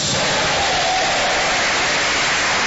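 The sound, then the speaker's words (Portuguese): An audience at a church service applauds to give glory to God, in a steady, dense wash of clapping that holds at an even loudness throughout, with no clear voices on top. “Quem dá glória a Deus aí, pode aplaudir ao Senhor.”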